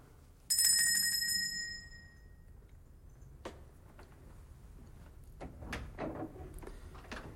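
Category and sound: household object, door opening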